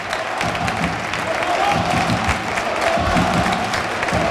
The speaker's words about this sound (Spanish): Y en estos momentos el colegiado decreta el final del primer tiempo y así aplaude el Arcángel a sus jugadores.